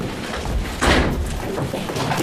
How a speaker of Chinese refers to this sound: 才开门，家里又这么乱啊。